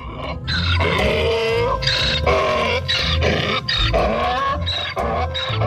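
A donkey in a stable brays loudly after gulping down its feed and raising its head, a run of harsh, rasping calls that rise and fall in a steady back-and-forth rhythm, with no voices present.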